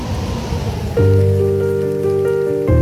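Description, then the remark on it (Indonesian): Heavy rain pours down loudly amid strong wind, a dense steady rush, where people are building an emergency bridge in a village; about a second in, a sustained droning tone rises over it and holds to the end. No one speaks. “Di tengah hujan deras dan angin kencang, mereka tetap bekerja menunjukkan kekompakan.”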